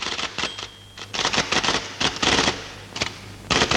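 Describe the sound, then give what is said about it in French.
A typewriter, heard alongside judges and a court clerk in a film scene, clacks in irregular bursts of sharp keystrokes, with brief pauses between flurries, over a low steady hum. No one speaks. “Comme si ils étaient avec les juges, avec le greffier, avec la machine à écrire.”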